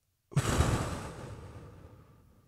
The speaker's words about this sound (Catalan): respira conmigo. Inhala. Exhala.